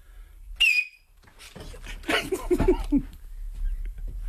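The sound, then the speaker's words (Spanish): A man whistles into a microphone, a single sharp, piercing, almost ultrasonic whistle, loud and brief near the start, followed by a pause and then indistinct voices and murmuring. “Es de ultrasonido casi, ¿eh? Sí, está el pitidito, ¿eh?”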